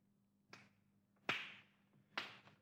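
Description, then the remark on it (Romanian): Three hard hammer blows strike an orange-sized lump of clay used as a piggy bank, found inside a pipe, to break it open and see what is inside, at uneven intervals, each a sharp crack with a short rattling tail, the middle blow loudest, over a faint steady low hum. “adu-mi ciocan să spargem pușculița, să vedem ce este în ea.”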